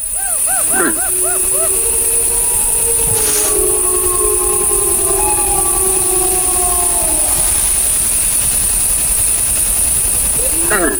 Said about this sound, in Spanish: Ahí se queja un ciervo, esa tos así como de alarma, y al fondo, pues es una manada. No, se oyen varios. Sí, claro, las manadas, los lobos.